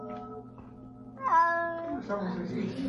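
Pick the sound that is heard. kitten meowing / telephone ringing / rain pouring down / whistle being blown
kitten meowing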